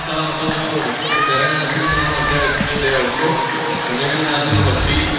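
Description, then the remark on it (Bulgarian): A stadium crowd at a Botev Plovdiv First League match applauds and cheers substituted player Chidera Okoh, greeted by Stanislav Genchev, in a steady, loud roar, with rising whistles cutting through around the middle and a mass of indistinct voices throughout. “Хвърли много усилия Чидера Окох, получава аплодисменти и поздравления от Станислав Генчев, но все пак остават още 30 минути до края на редовното време.”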